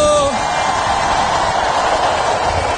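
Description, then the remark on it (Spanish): An audience erupts in a loud, sustained roar of joyful shouting and cheering, many voices blending into a dense wall of sound that fills the whole moment, with one voice briefly standing out at first. “¡Un grito de júbilo!”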